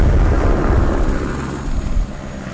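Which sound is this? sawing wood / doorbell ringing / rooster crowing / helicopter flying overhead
helicopter flying overhead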